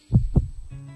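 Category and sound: human body sound, heartbeat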